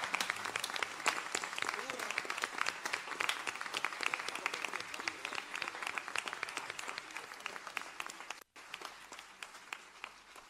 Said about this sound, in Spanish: Fuerte el aplauso una vez más para la patrona de Argentina.